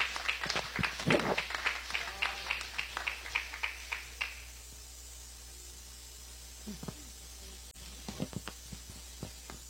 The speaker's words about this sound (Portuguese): recebe a serva do Senhor com palmas de vitória.